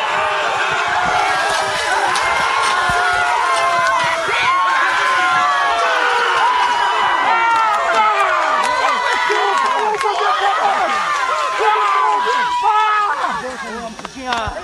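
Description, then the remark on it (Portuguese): A crowd of fans cheers and shouts as the Vitória team celebrates winning the 2026 season Futebol 7 championship in the municipality of Monte Alegre dos Campos, many overlapping voices loud and constant for the whole stretch, with excited yells rising above the roar. “Vitória do Vitória que vem comemorar aqui com a torcida, ó.”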